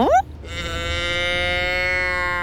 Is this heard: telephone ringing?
no